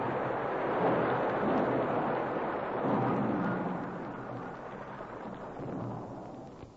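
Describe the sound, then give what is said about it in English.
An avalanche of ice and rock roars down a snowy mountain in a heavy, continuous rumble, swelling twice early on and then easing slightly while still churning. No voices are heard. “He pitched forward into the snow as the avalanche roared down behind him.”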